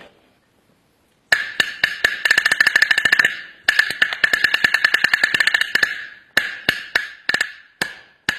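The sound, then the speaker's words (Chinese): A small Chinese single-skin drum (bangu) with a pigskin head on a small wooden body, struck with drumsticks in fast, sharp rolls of crisp high-pitched taps, accelerating in bursts, then a few slower separated strokes at the end. No talking. “我们来听听这个单皮鼓的音色。”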